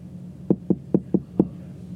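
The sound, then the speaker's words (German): Five sharp knocks on the door of a dean's office in a university building, in a quick, slightly uneven rhythm, with a short pause before the last one. Nobody speaks, and only a faint room hum sits underneath. “Komm, wir klopfen mal.”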